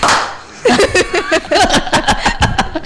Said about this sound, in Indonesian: Kita kasih tepuk tangan satu kali buat Yemima.